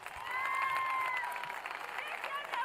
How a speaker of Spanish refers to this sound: ¡Fuertes los aplausos, por favor!